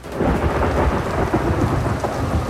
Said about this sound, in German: Und dazu Erfrischung. Dieses Mal einen Regen.